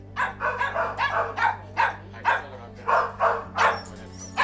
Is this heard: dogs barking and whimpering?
yes